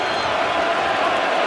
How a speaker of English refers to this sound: Crowd starting to ramp back up.